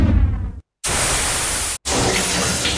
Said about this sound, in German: Dusche eiskalt.